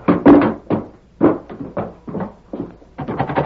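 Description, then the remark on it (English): Someone pounds on a wooden door, about nine heavy, uneven thuds in quick succession, loud, with no voices. “Open the door. Open up. We know you're in there.”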